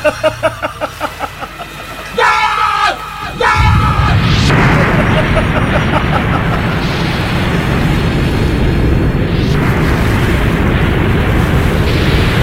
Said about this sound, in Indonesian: Kita harus menghindar dari gelombang ombak besar yang datang. Tuan Putri, perahu kita terbawa ombak besar. Kita akan tenggelam, Tuan Putri.